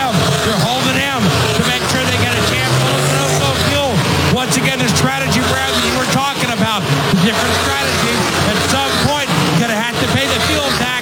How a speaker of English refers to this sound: Defending winner Bubba Wallace on and off pit lane. In fact, it's a train of cars leaving. Christopher Bell right behind him.